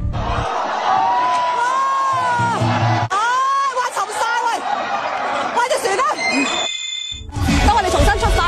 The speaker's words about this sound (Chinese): 全场啊响起咗咧雷鸣般嘅掌声啊！因为咧喺结教呢度落水并唔失礼，而系英雄之举啊！佢哋勇往直前，唔怕落水，一种嘅精神咧，足以为佢哋赢得全场嘅掌声。